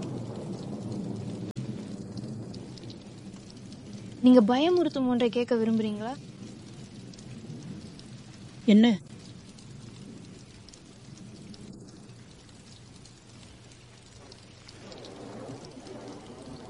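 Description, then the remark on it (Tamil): Steady rain hisses throughout a thunderstorm with frightening lightning, with a low rumble of thunder underneath. A voice speaks briefly over the storm twice. “அட, இப்போதான் பயமுறுத்தும் மின்னல் எல்லாம் இருக்கும்போது பார்க்க நல்ல நேரம்.”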